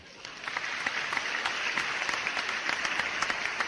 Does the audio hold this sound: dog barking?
no